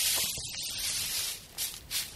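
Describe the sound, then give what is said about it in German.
Crisp, rustling crunches of a plant-eating animal munching on plants at lunch, a steady papery grinding with a couple of louder chomps near the end, no voices. “Wenn ein Pflanzenfresser zu Mittag isst, klingt das ungefähr so.”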